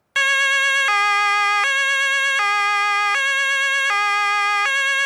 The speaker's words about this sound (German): Okay, kann ich machen. Aber halt dir die Ohren zu, denn das Martinshorn ist wirklich laut.